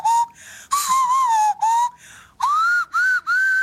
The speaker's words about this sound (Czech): Pouštěli jsme si ukázku, kterou teď připomenu s otázkou, jestli věříte tomu, že je to Kanaďanka, která umí takto pískat pouhým nosem.